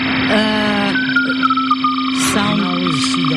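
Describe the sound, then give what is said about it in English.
A thin, steady stream of Morse code beeps from an amateur radio, short and long tones keyed in quick succession over a constant electrical hum and hiss, after a brief burst of garbled radio voice. “Now this, we are switching to the Morse code communication, which is a bit strange with dots and”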